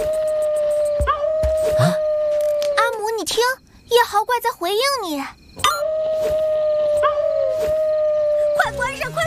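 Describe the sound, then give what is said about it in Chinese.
A creature called the Night Howler, said to spread fleas, lets out two long, steady howls, loud, separated by a brief burst of wavering, yelping vocal sounds before the second drawn-out howl rings out. “完全没有头绪啊，只知道他会传播跳蚤，还会嚎叫。”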